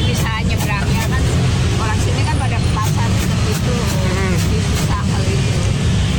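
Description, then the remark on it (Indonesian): Dense, congested road traffic near the Pesing flyover in Jakarta rumbles steadily and loudly, a constant wash of idling and crawling engines with brief sharp bursts, while people talk over the din. “Di beton gini emang di sininya nggak macet gitu ya, tapi ini macet.”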